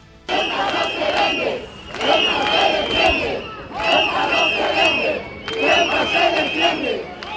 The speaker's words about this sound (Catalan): Aquest és un dels càntics que han repetit durant la marxa fins al Tarajal, amb tot de banderes espanyoles i europees, a més de pancartes reclamant la protecció del territori de la ciutat autònoma i la dimissió del delegat del govern central.